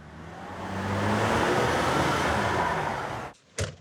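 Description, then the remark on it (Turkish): A powerful 440 V8 engine in a Coronet 500 car with a custom exhaust system rumbles low, then swells into a loud, throaty roar that holds for a few seconds before cutting off abruptly, followed by one short burst of exhaust noise. “Fakat eğer Coronet 500 istiyorsanız ve zeki bir adamsanız, siz arabanıza 440 V8 motoru takardınız. Egzoz sistemi yaptırırdınız. Bu arabada olduğu gibi.”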